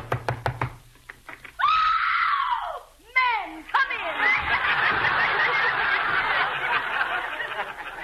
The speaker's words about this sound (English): I hope she's home. Go ahead and knock.